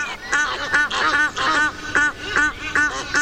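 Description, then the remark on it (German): Three mating Egyptian geese, one female and two males, calling in a loud series of harsh, rhythmic honking and quacking cries repeated rapidly, the birds overlapping, with no speech. “Wir haben zum Beispiel sich paarende Nilgänse aufgenommen.”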